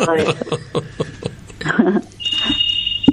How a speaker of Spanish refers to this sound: ¿Tenés un teléfono sonando o no? No, es para atrás. Una alarma.